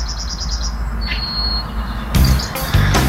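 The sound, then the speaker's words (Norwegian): Bird chirping in Toten, Norway, recorded by a bus driver as a voice message: a quick run of high, repeated tweets followed by a short trill, moderately faint over a steady low rumble, with a couple of sharp handling bumps near the end. “Hør på denne fuglekvitteringen da.”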